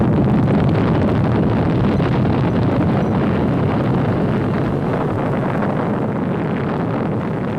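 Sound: atomic bomb explosion rumble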